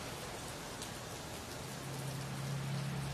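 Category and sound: nature, heavy rain falling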